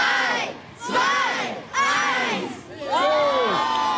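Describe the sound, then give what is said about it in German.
A large crowd of children cheers and shouts in three swelling bursts in the schoolyard of the Ratsgymnasium during a weather balloon launch, high-pitched voices whooping together with brief dips in between. “Heute Vormittag klang das auf dem Hof vom Ratsgymnasium so.”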